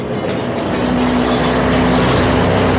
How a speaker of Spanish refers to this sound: Aquí pasan muy rápido los carros.